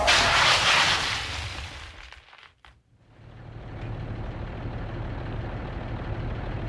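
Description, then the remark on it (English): A car skids on an icy road during a hailstorm with a loud, hissing rush of noise that cuts off abruptly after about two seconds, followed by a steady, low engine rumble. No one speaks. “Stop the car, honey. You have to stop. I am, but we're skidding.”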